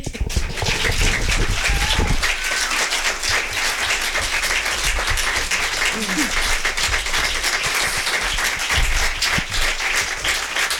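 Sustained applause from an evening audience at a book event in a bookshop fills the whole stretch, a dense, steady wash of many hands clapping at an even loudness, with no voices standing out above it.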